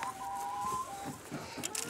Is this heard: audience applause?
no